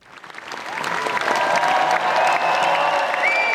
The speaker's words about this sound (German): Minutenlanger stehender Applaus des Premierenpublikums.